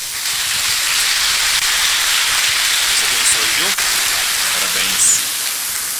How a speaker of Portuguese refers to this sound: Uma salva de palmas.